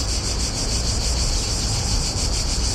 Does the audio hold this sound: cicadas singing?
yes